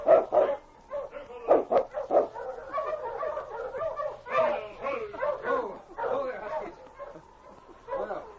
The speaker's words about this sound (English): A short time later, he heard the dog teams coming and saw Sergeant Preston and the constable in the distance.